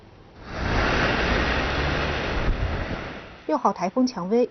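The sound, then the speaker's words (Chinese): A loud, steady roar of storm wind and crashing surf from Typhoon No. 6 (Qiangwei) in the Shikoku region of Japan, with strong winds, high waves and heavy rain, fills about three seconds, then fades as a person starts talking near the end. “四国地区风急浪高，雨势强烈。”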